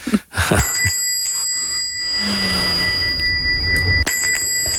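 bell ringing

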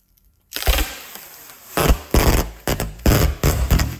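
packing tape being unrolled

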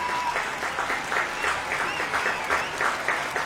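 concert audience applauding

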